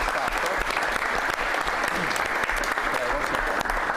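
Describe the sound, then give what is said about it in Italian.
Sustained, dense applause from an audience, loud and continuous throughout with a steady crackling texture of many hands clapping at once, no pauses. “lo presentiamo meglio perché siamo stati coperti dagli applausi, ma è una cosa positiva”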